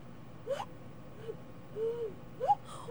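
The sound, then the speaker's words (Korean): A person imitates a cuckoo call through cupped hands, a call once used under a window to signal someone: breathy, hollow, hooting mid-pitched notes, some sliding upward, repeated a few times with pauses between, fairly soft and with no talking. “뻐꾸기를 운다든지 네. 그래서 배웠던 뻐꾸기가 있어요.”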